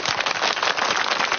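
A steady burst of crowd applause, called for as prizes are presented to students and parents, many hands clapping densely and evenly at a fairly loud level for over a second, with no voices on top.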